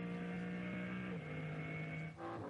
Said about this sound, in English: And look how quickly that BMW M3 Touring has scampered up the road. Listening in to what is effectively still the BMW M4 GT3 turbocharged engine. Although now not singing at full song as we work into one more of those yellow flag zones.